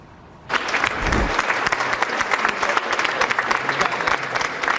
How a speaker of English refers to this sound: Supporters at the Justice Department applauding Todd Blanche's confirmation as the new United States Attorney General.